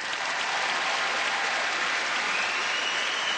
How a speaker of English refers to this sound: There it is. I ask that question all over the North American continent, and that's what it gets. Some kind of half-hearted, weak, feeble clap.